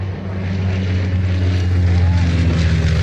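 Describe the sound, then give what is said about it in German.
An airplane engine drones steadily and loudly at Bremen Airport in Germany, a deep harmonic hum with a broad roaring hiss above it that holds constant for the whole few seconds. “So klingt's für viele bald nicht mehr am Bremer Flughafen.”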